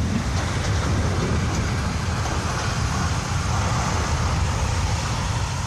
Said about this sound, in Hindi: ये ब्रिज जाएगा, ब्रिज जाएगा। देखिए कितना फोर्स है इस फ्लैश फ्लड में। पूरा पुल बह गया और बहता ही चला गया। पानी का रौद्र रूप ऐसा था कि देखकर डर लग जाए।